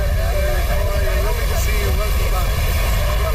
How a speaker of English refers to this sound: That's the sound of Prime Minister Mark Carney landing in Dublin for a two-day diplomatic visit.